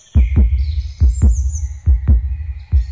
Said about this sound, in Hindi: मेरे दिल की धड़कनें बेहद तेजी से बढ़ने लगी।